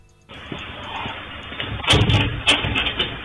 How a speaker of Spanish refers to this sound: Ahí está abriendo la puerta.